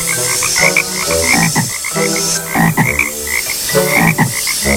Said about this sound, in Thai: ในไม่ช้าก็มีกบมากมายจนเขาไม่สามารถเข้าไปในไร่ข้าวโพดของเขาได้โดยที่ไม่ถูกรบกวนจากพวกกบ